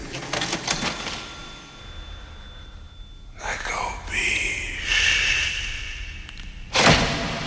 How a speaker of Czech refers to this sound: Kasa cink, jak se říká na závěr téhleté parádní písničky